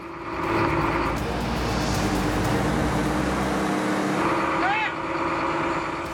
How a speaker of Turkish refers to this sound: Hortumu yerine yerleştirdik. Böylece buldozer çalıştı. Şimdi yola koyulup tren hattındaki karları temizleyebilir.